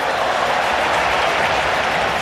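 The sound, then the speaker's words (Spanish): A large stadium crowd applauds Paredes as the Argentina team is presented, a dense wash of clapping with no pauses or voices standing out, holding at an even, strong level throughout. “Aplausos para Paredes, Julián Álvarez.”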